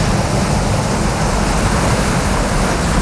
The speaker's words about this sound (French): quand vous entendez la plage, la mer, les vagues, on va où ? Madagascar.